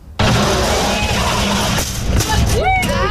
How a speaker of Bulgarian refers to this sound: Това, което чухме, е звук от симулатор за челен удар, който е част от събитието «Шофирай със сърце и разум». Преживей, научи и спаси живот.